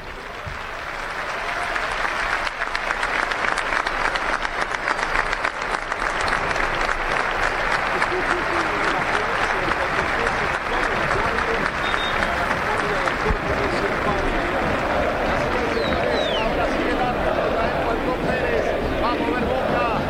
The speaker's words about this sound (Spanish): Momento muy emotivo, la gente aplaudió en el minuto de silencio en homenaje a este jugador que nos ha dado tantas satisfacciones, enormes satisfacciones a lo largo de las últimas dos décadas, y que hoy está sufriendo quizá el peor día de su vida.